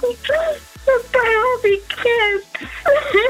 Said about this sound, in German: Mann, …, nicht weinen, oh mein Gott.